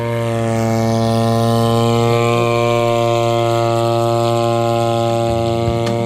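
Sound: drone flying overhead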